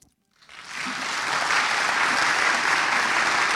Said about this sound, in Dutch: Dat is mooi als u daarbij applaudisseert, want alles hoor je op de radio op NPO Klassiek. Ook het stappen van de solist. Het is mooi als het begeleid gaat door wat applaus.